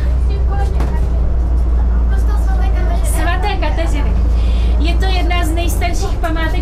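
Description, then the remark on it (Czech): A steady low engine rumble fills a moving city public transport bus in Havlíčkův Brod, Czech Republic, carrying primary school pupils on a special city tour with commentary, with several voices chattering over the continuous drone. “Část výuky teď žáci z Havlíčkobrodských základních škol absolvují v autobusech městské hromadné dopravy.”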